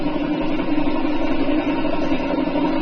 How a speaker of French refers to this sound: Pop, pop, pop, pop, c'est le nombre, c'est, si vous voulez, quand ça fait ça, c'est qu'il n'y a pas beaucoup de cylindres.